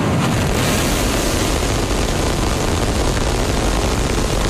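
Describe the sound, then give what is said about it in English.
A continuous, thunderous roar of the 33 Raptor engines of a Starship rocket at liftoff, dense and rumbling with heavy low-end crackle, holding steady and loud throughout with no voices. “We have liftoff.”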